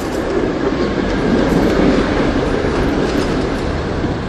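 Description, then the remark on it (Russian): A moving train rumbles steadily and loudly, a dense low roar with faint rhythmic clacking of wheels on rails, continuous throughout with no voices. “А потом мы сели в поезд и поехали.”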